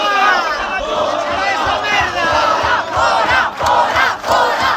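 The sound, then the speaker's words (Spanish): A large, loud crowd of hundreds of protesters chants and shouts together in Santiago, blocking a far-right Vox event, many voices blending into a continuous roar, with a steady low thumping beat pulsing underneath. “Así de clarito, centenares de manifestantes convocados por una veintena de colectivos sociales han impedido este lunes la celebración de un acto de la ultraderecha de Vox aquí en Santiago, donde estaba prevista la participación de uno de sus miembros”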